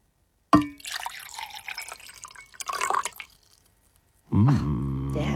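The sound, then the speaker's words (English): A light clink, then water pouring into a container for about three seconds, splashy and uneven before trailing off. After a short pause, someone starts talking. “All right, I'm going to pour a liquid.”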